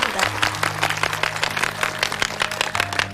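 An audience breaks into steady, dense applause that fills the whole clip at an even level, with a low, sustained musical tone humming underneath.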